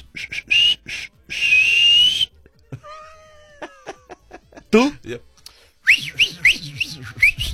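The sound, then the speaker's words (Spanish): A person whistles loudly in shrill sustained tones and quick rising chirps, imitating how a male dolphin would whistle to a female dolphin, with brief talk and laughter breaking in between. “A ver, si tú fueras delfín, ¿cómo le chiflarías a la delfina?”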